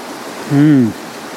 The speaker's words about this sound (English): Probably where the sluice is, where the water rushes down. What do you like about that area? Sound and the sight, the combination of the two.